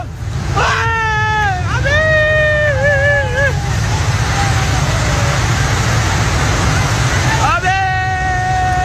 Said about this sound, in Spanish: Cientos de toneladas de agua, barro y nieve han arrasado por completo decenas de puentes, edificios y pueblos enteros, dejando imágenes desgarradoras.